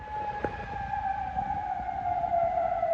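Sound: air raid sirens sounding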